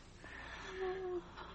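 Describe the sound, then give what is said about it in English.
Faint, labored breathing from a woman: one strained, wheezing breath with a thin whistling tone that rises and fades over about a second, heard alone against a low background hiss. “She's still breathing.”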